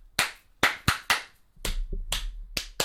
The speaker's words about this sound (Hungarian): És ott, tapsold vissza. Tapsold vissza.